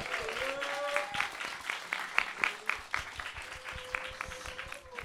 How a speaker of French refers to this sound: Voilà, je pense qu'on peut les applaudir dès à présent.